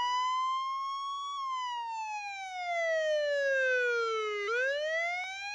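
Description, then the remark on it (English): An arriving ambulance's siren wails loudly, its pitch climbing briefly, then sliding slowly down before jumping back up. No one speaks. “Seconds later, the ambulance crew arrived and Greg was on his way to the hospital.”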